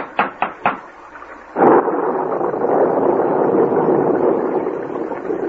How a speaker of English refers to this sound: We can't go any farther in this downpour.